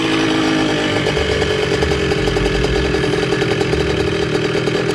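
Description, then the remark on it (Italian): A high-displacement moped carrying five riders, doing a wheelie along a tree-lined avenue toward a ruined villa, buzzes loudly and steadily with a small, high-revving two-stroke engine, its raspy pitch wavering slightly as the throttle rises and falls, with no voices present. “Un motorino di grossa cilindrata percorre impennando un viale alberato che conduce a una sinistra villa diroccata.”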